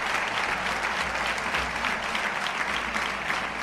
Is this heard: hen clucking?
no